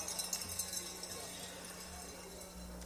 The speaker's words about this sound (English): And we sure hope you have your cowbells with you. So let's make a little ringing noise out there, please. There we go. So great to hear those.